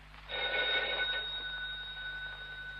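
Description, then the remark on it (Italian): A telephone bell rings once at 3:15 in a sustained metallic burst, loud, then fades into a lingering tone over a steady low electrical hum. “Lidia, rispondi al telefono”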